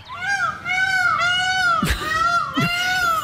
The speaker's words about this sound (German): Und das kann nerven. Ja, das ist wirklich eine skurrile Geschichte. In Wena ist ein Pfau unterwegs, und zwar ein Ausgebüxter, der die Nachbarschaft seit ja wirklich 3 Monaten ordentlich auf Trab hält.